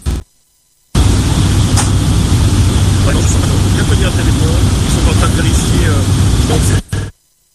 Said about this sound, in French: Nous le rappelons du côté de la base aérienne 181 à bord de ce gros avion.